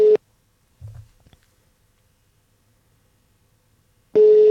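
A phone line rings out unanswered: a steady electronic ringing tone sounds briefly, falls silent for several seconds apart from a faint low thump, then rings again.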